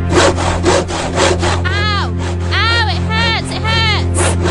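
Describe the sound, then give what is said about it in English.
A brand-new hand saw rasps through wood in quick, steady back-and-forth strokes, loud and rough. Partway through, high wavering squeals ride over the later strokes. “I don't want to break the blade on this brand new saw.”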